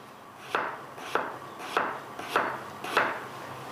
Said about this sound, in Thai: เราเอาผักเนี่ยมาหมักเกลือก่อนนะคะหั่นครึ่งแล้วก็สไลด์บางๆเพราะว่าอันนี้เราบอกว่าเราจะดองเร็วดองแป๊บเดียว